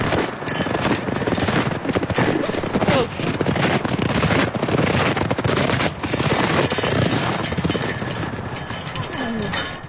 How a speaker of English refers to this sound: Sounds from a windy spring day at Marion Gulch.